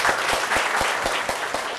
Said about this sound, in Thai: เพื่อไม่ให้เป็นการเสียเวลานะคะขอเสียงปรบมือต้อนรับอาจารย์กัลยาภูมิรินทร์เลยนะคะ